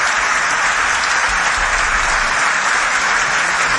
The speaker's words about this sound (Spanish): Un aplauso grande a los obreros, trabajadores que hicieron esto. Gracias.